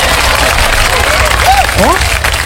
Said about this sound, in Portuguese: Oba, merece palmas. Merece o Tocantins inteiro.